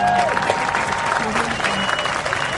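An audience claps steadily, a dense wash of many hands sustained at full volume throughout, with a faint tonal hum and murmurs mixed in beneath.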